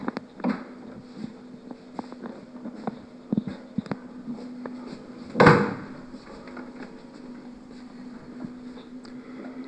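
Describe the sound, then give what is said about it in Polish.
A door thuds shut once with a fairly loud impact, preceded by scattered small clicks and knocks over a steady low hum in an otherwise quiet room. “Cholera, drzwi ktoś nie zamknął.”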